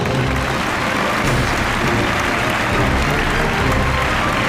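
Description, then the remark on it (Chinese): An audience claps steadily and loudly throughout, a dense, even wash of applause with no break in its rhythm, welcoming the first treasure holder onto the set of a TV appraisal programme filmed in Beijing. “本期节目我们来到了北京，掌声有请通过海选来到节目现场的第一位持宝人登场。”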